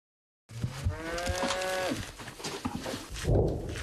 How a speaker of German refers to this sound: In der Nähe unserer Stellung laufen Kühe herum. Dort, wo die Minen liegen.